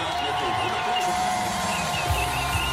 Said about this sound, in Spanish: Así vitoreaban el inicio de la entrevista en Antena 3.